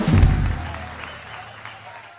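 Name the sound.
applause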